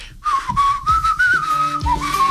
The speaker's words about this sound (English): One of those songs that you listen to and you can't help but whistle along to.